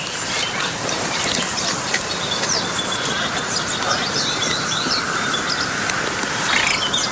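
A Baillon's crake, a small rail not much bigger than a lark, gives a faint, dry, frog-like rattle lasting several seconds, half-buried in a steady wash of noise with scattered high bird chirps around it.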